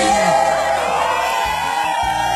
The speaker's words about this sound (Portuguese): Parabéns. Aplausos.